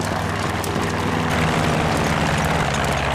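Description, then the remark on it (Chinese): A reconnaissance aircraft approaching: a steady, droning engine hum with a deep low-end rumble and a faint propeller buzz, holding level throughout with no voices. “侦察机来了，侦察机马上就到，抓紧时间，快！”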